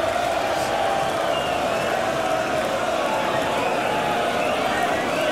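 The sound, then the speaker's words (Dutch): A large darts crowd roars steadily during the 19th and final leg of a match between Littler and Espenal, a dense wash of chanting and cheering voices that holds at an even, loud level throughout without pauses. “Ja, het publiek gaat zich er ook weer mee bemoeien nu.”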